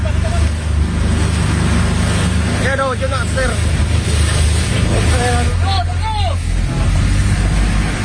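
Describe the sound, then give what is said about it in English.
Coast Guard rescue boats in the Philippines roar loudly through heavy wind buffeting in the darkness, engines droning steadily while rescuers shout to one another in short bursts as they approach a burning passenger ferry about 100 yards ahead. “What you can hear there are the voices of the Coast Guard rescuers on their boats as they approach the burning ferry, which is engulfed in flames in the darkness, 100 yards ahead of them.”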